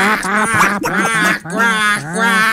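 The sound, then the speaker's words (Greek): A duck quacks loudly, four or five drawn-out, nasal quacks in quick succession with barely a pause between them. “Όταν έπαιζε στον Ολυμπιακό, Τζολάκαρο, κάνατε τι πάπιε.”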